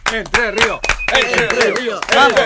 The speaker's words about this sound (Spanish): Acompañamos. Un aplauso. Que no sean pocos.